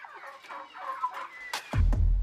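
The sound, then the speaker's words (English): A school's chickens cluck and squawk in a quick run of nasal, warbling calls, followed by a couple of sharp cries over a low, heavy rumble near the end. “It is then processed into small pellets, which are used to feed the school's chickens.”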